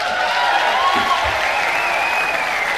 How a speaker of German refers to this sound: Begrüße Sie mit warmem Applaus.